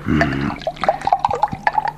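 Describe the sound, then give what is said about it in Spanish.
Water pours into a glass for someone to drink in a short burst of gurgling, bubbly splashes with rising tones. It is fairly loud, and no one speaks. “Dame otra poca de agua que siento la garganta seca.”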